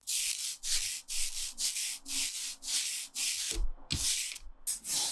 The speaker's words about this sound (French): Ce bruit-là, c'est celui d'un rouleau qui ancre la plaque.